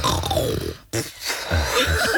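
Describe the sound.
A voice imitates the snoring of someone's boyfriend at night, with rough, throaty rasps, one long drawn-out snore, a brief gap, then more guttural gurgling snorts, fairly loud with no words spoken.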